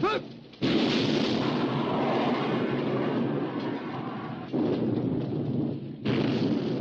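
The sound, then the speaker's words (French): A loud, dense barrage of heavy naval gunfire and shell explosions rolls on almost without pause, with fresh blasts surging in at intervals over a continuous booming rumble: British ships keep shelling the German battleship Bismarck with shells of every calibre after its own guns fall silent at 9:31. “Finalement, à 9h31, les tirs cessent côté allemand, mais les Britanniques continuent leurs tirs.”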